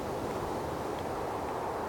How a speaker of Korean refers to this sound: 휘 쓸쓸한 바람이 불었다.